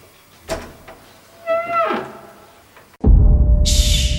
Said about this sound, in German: Heike hängte die Kette vor die Tür und öffnete sie dann vorsichtig.